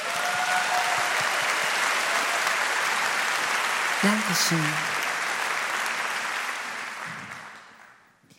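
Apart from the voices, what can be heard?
audience applause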